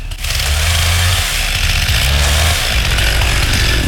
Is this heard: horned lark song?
no